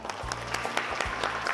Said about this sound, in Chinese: 来，掌声送给自己。